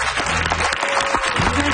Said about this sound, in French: Est-ce qu'on peut applaudir bien fort Marc Hervieux et Raphaël Roy qui ont été parmi nous dans cette dernière heure d'émission?